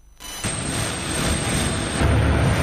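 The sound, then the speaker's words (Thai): A steady, loud roar of an airplane engine rises in after a brief quiet moment and holds, with a thin high whine running through it and no voices, as a royal aircraft arrives at Hokkaido's largest airport in Japan. “ในการนี้ทรงพระกรุณาโปรดเกล้าโปรดกระหม่อมให้นายวิชุเปชชาชีวะเอกอัครราชทูตณกรุงโตเกียวเฝ้าทูลละอองธุลีพระบาทกราบบังคมทูลเชิญเสด็จลงจากเครื่องบินพระที่นั่ง”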